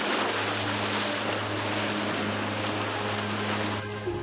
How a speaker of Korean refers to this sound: 와, 여기 어쩜 이렇게 제가 한국에서 보던 그런 귀암 절벽하고는 굉장히 다른데요. 흙으로, 모래로 되어 있는 절벽인데 파도가 한번 칠 때마다 진동이 느껴지는 게 아찔합니다.